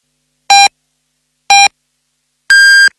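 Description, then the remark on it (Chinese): Three clear electronic beeps spaced a second apart, a radio time signal for 11:30 Beijing time: two short, identical tones, then a longer, higher-pitched final beep marking the time. They are loud, with no talking. “北京时间11:30”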